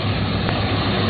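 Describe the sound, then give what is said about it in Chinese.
A new combine harvester's engine roars back to life after being repaired during the wheat harvest in the fields near Xin'an Ji town, Shenqiu, Zhoukou, Henan, a loud, continuous mechanical drone with a deep rumble beneath it and no pauses or voices. “机器的轰鸣声再次响起，那是忙碌的声音，也是心安的底气。”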